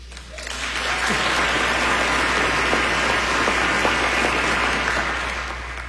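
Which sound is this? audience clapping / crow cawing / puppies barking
audience clapping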